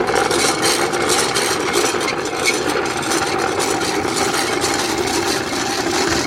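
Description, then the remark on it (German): A bicycle rattles steadily as it is ridden, a dense, continuous clatter and rumble with fine irregular knocking throughout, fairly loud and with no voices. “Du fährst mich jetzt mit dem Fahrrad mal? Leider. Ja. Mach mal. So, es hat Pedale. Es rappelt ordentlich.”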